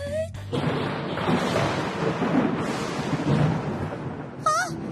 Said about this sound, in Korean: 어? 이 소리는? 어? 이게 무슨 소리야? 무슨 소리? 방금 우르르쾅쾅 그 소리는? 소장이 무너지고 있어.